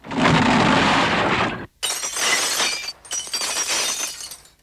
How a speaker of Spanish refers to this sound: Mientras hablaba, se oyó un gran estrépito fuera de las mansiones Luz de Luna, seguido de ruido de cristales rotos.